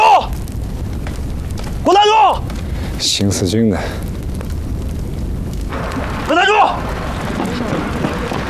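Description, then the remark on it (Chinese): Several loud, deep booms from Japanese aircraft dropping heavy-payload aerial bombs go off over a few seconds, some preceded by whistling, wavering tones, with a rumbling, noisy background between the blasts. “这种航空炸弹载压量大，爆炸后产生的冲击波， 超压杀伤力。”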